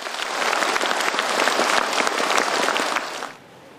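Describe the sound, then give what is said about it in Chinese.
Enthusiastic applause from a classroom full of pupils as a classmate hands over a donation for children in poor mountain areas, a dense, steady crackle of many hands clapping at once that holds loud for about three seconds before suddenly dropping away. “老师给，教室里立刻响起了热烈的掌声。”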